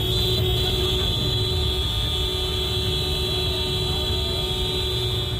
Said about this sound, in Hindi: सामूहिक रूप से हॉर्न बजाकर यह मध्य प्रदेश के मुख्यमंत्री मोहन यादव के खिलाफ प्रदर्शन है। दरअसल सीएम मोहन यादव का काफिला सिंगरौली की सड़कों से गुजरा तो आम आदमी के लिए थोड़ी देर के लिए रास्ता रोक दिया गया।